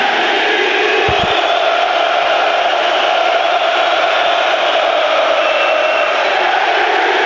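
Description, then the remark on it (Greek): A packed stadium crowd at an Olympiacos football match, on its feet during a corner, roars and shouts continuously, a loud, dense wall of voices that holds steady throughout with no pauses, a couple of brief low thumps early on. “Όλο το γήπεδο έχει σηκωθεί και φωνάζει με τη Λίμπαρ.”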